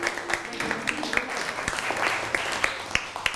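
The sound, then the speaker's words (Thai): A class claps for a group of classmates who correctly identified an image of a Buddha statue, a steady patter of many overlapping hand claps, with sharper individual claps standing out at an uneven rhythm, moderately loud and continuous throughout. “ภาพพระพุทธรูปมาถูกต้องแล้วครับปรบมือให้เพื่อนหน่อย”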